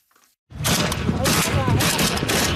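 Sustained gunfire and explosions in Yemen's civil war: a dense, continuous burst of rapid shots and booms, loud and chaotic, with repeated sharp cracks layered over a rumbling low end after a brief quiet start.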